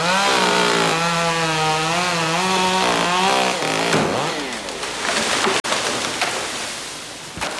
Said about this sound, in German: Bäume krachen ins Unterholz, der Lärm der Kettensägen dominiert die Wahrnehmung.